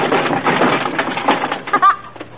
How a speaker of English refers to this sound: Here's where the cops come in. They break the door down.